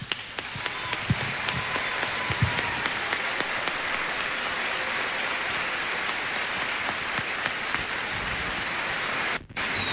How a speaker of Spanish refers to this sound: Mi felicidad es compartir este escenario con estos grandes artistas, y yo les brindo mi aplauso personal.